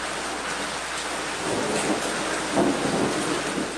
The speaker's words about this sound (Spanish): Y justamente las tormentas eléctricas ocurren entre mayo y octubre y pueden durar hasta 2 horas. Aquí, medidas de seguridad personal ante una tormenta eléctrica.